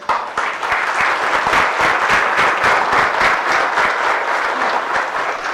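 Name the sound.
loud applause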